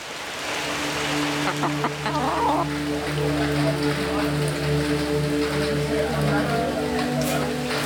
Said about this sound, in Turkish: Hayır, bu kameranın lensi tamamen buğulanmış durumda. Şiddetli yağmur yağıyor. Ormanda çekim yapmaya hoş geldiniz.